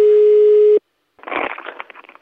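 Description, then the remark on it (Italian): A steady, mid-pitched telephone busy tone after a dropped line sounds for under a second and cuts off abruptly, followed by a brief silence and then a burst of crackly, garbled line noise. “Deve essere caduta la linea, chiamo il vicino.”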